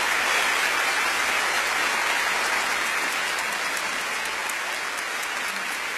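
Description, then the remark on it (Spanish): Steady, dense applause from a sizable crowd for the maestro Bebo Silvetti, a great master of romantic music, fills the whole stretch, a loud continuous clatter of many hands clapping at once with no voices over it. “Quiero pedir un fuerte y merecido aplauso a un gran maestro de la música romántica, el maestro Bebo Silvetti, con ustedes.”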